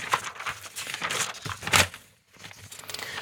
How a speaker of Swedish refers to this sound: Då bläddrar jag lite. Det är inte så långt att bläddra heller, det är bra.